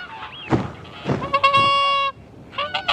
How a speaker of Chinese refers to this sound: 成群的大天鹅选择巴伦地区作为冬日的家园。十月份抵达后，他们便迅速安顿下来，迎接即将到来的凛冬。